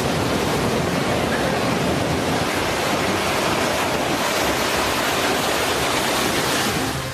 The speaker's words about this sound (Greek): ο φουσκωμένος κυματισμός φτάνει έως την ακτογραμμή και στα κοντινά ακίνητα.